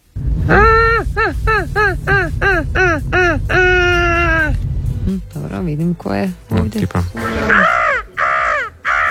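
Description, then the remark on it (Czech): Seagulls cry loudly in a quick run of about eight harsh, falling calls, then one long drawn-out squawk, with summer crickets also in the mix; afterwards a person talks while a few more gull cries break in. “Čujemo cvrčke, imamo galebove, ali ja na popis savršenih ljetnih zvukova, osim dakle ovog, stavljam i”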